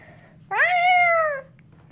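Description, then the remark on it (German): A single drawn-out meow, sung by a human voice imitating a cat, lasting just under a second, fairly loud, with quiet background hum before and after. “Katze.”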